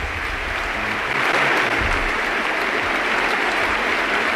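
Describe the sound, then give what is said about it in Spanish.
A large stadium crowd at the Estadio de la Cerámica, during a Villarreal football match against Atlético de Madrid, gives Dani Parejo a sustained ovation as he leaves the pitch after his goal. Dense applause and cheering go on steadily and loudly for several seconds with no pauses. “Dani Parejo, que se marcha con ese gol y con esta gran ovación.”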